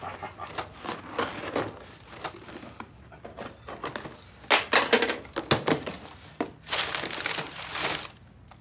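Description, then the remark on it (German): A package is cut open with scissors and unwrapped: a run of irregular crinkling and tearing bursts, some sharp and loud, with short pauses between. No one speaks. “Hey, haben Sie mal eine Schere da?”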